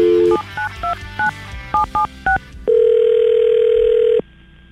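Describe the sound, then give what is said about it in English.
A phone being dialed to call a woman: a quick run of about eight touch-tone beeps, then a steady, loud ringing tone holds for over a second before cutting off. No one speaks. “Maybe she'll pick up.”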